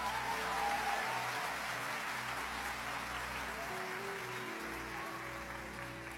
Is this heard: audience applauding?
yes